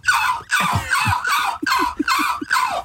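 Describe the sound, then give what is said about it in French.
A human voice imitates a seagull with a series of about six harsh, raspy, high-pitched cries in quick succession, each call a short strained squawk with breathy, hoarse edges. “Je vais faire la mouette.”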